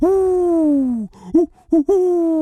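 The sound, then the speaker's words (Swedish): A person imitates an owl's hoot with a long, steady, slightly falling 'hooo', then a couple of short breathy bursts and another sustained hoot, loud. “Så där låter inte ugglor. Inte? Nej, så här låter ugglor.”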